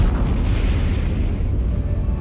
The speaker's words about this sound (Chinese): 当全世界还在对中国的第一颗原子弹爆炸震惊之余，1967年，中国又成功爆炸了第一颗氢弹。 5、4、3、2、1，起爆！